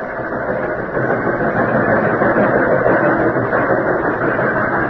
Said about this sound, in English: Finally, we pulled into the station. There was a little bunch of town folks around the old depot.